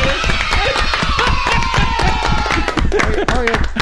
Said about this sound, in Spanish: Y los niños de aplausos.